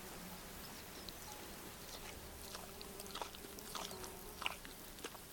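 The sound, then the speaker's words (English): A sheep named Oscar chewing grub, a steady run of soft crunchy bites and grinding over a quiet hiss, with no one talking. “You can, like, hear him chewing.”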